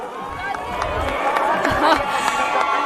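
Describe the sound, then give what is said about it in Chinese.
Steady crowd noise with scattered sharp claps and cheers from spectators and from athletes waiting for their scores at a freestyle ski halfpipe competition in the Livigno snow park, applauding Eileen Gu after her score of 94.75. It is a busy, sustained wash of sound without a clear rhythm. “在一旁等待成绩的选手也在向她鼓掌”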